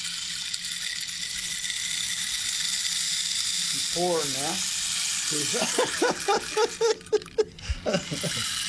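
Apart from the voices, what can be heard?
rain stick being played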